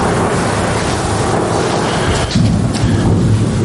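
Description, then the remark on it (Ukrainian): Gunfire from mobile fire groups in Kramatorsk, Ukraine, rumbles as a loud, continuous low roar, with a few sharper cracking bursts partway through, as people enter a supermarket through its back entrance. No one speaks. “Під звуки стрільби мобільних вогневих груп ми заходимо до супермаркета, в якому не раз робили покупки.”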